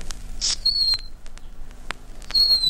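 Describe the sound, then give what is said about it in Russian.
Short, high, bird-like whistle notes from a decoy whistle imitating a nightingale, used in a forest to call nightingales: a brief trill, then a sliding piping tone, a pause, and another sweet piping note, fairly clear with no talking. “Вот так приходите в лес в конце апреля и вот так посвистите. Сейчас же появится соловей, если он уже тут.”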